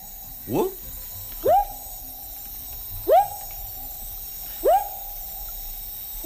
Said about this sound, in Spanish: No es lo que parece. Es un anfibio. Es un anfibio. Buah, pues el... Pero... Sí, sí. Pero no te voy a saber decir qué especie es, pero claro, es un bueno, tipo de rana, ¿no? Es un tipo de rana, sí, efectivamente.